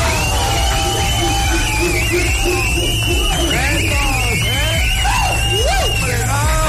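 A loud, sustained crowd roar of cheering and shouting, with high whoops and whistles rising and falling over dense noise that could be clapping, continuing steadily throughout.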